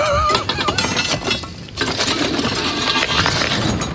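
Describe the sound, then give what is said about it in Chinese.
Heavy sledgehammer blows ring out on metal at a forge as someone swings the big hammer, several loud clanging strikes in an uneven rhythm, with a bright metallic ringing hanging between hits. “哎，来来来来，你帮我抡两下大锤，我好好想想怎么回答你。你去拉风箱。”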